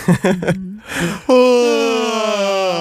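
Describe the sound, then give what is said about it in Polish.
A loud, drawn-out yawn done as a morning voice warm-up exercise: a few short vocal sounds, a breathy inhale, then a long sustained groan that slowly sinks in pitch and fades. “Na pewno głośne ziewanie.”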